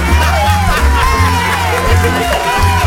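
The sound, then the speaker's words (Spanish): A loud, continuous burst of crowd cheering and whooping, like canned studio applause, with many voices shouting over a dense wash of clapping, filling the whole stretch without pause. It is presented as the show's 'unionized' audience of applauders and laughers. “Aquí estamos yo, el velador, y nuestro público sindicalizado. Aplaudidores y reidores sindicalizados.”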